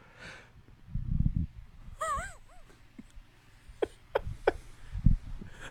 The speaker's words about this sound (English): Got a little yawn in there. Didn't see that one coming. I was going to say something, and it's just like, yawn? Where'd you come from? It's like a hiccup or a burp.